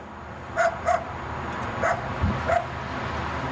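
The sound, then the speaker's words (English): A dog barks four times in short, sharp yips, two quick ones followed by two more spaced out, over a low background rumble, at a Ciclovia street event. “First dog barking”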